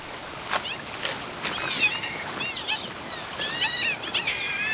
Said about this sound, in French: Je reconnais ce cri qui se situe entre la porte qui grince et le chat qui miaule. Ça serait une loutre d'Europe que ça ne m'étonnerait pas.